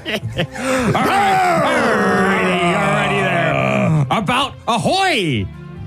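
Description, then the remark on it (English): Two men imitate a guttural, lower-register growl at each other: one long, rough, sustained snarl that slowly drops in pitch, followed by a few shorter, rising growls before it cuts off. Loud throughout. “Two guys growling at each other.”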